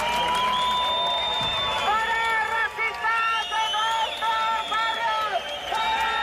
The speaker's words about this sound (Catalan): Una hora més tard han arribat els membres del grup supremacista, que han estat escridassats pels antifeixistes, amb crits de no passaran o fora feixistes als nostres barris.